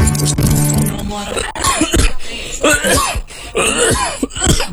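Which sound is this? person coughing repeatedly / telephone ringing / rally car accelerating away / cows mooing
person coughing repeatedly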